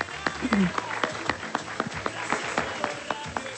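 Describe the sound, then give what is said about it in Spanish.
A small audience at a prize-winner announcement applauds the second winner with loose, uneven claps that keep going at a moderate level. A faint voice murmurs briefly underneath. “Un aplauso.”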